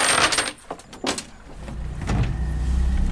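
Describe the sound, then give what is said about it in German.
A coach's motorboat on a lake during youth canoe training: a few sharp metallic clanks and rattles as it is cast off, then the engine catches and settles into a steady, low droning rumble that grows slightly louder toward the end. “Während die Jugendlichen ihre Kanus ins Wasser lassen und sich auf dem See in Position bringen, macht Trainer Philipp Krämer sein Motorboot los”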